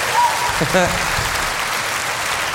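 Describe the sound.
An audience claps steadily throughout, a dense, even wash of applause, with a short voiced call or cheer rising briefly over it near the start.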